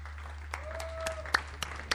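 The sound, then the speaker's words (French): A small group claps sparsely at the close of a video interview, with scattered individual hand claps rather than a full ovation, over a steady low hum. “On va t'applaudir.”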